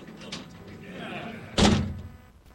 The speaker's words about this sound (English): Hey, but I have to incarcerate myself, which means I got to slam my door closed. So hang on one second. Big-ass door, hey. The big-ass door is right here. All right, here we go. Let's slam this. Come on.